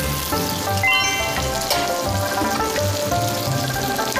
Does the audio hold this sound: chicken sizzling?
yes